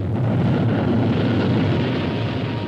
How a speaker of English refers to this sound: Progress is the sound of a motor, the hum of a turbine, the heartbeat of a factory, the sound of a symphony, the roar of a rocket.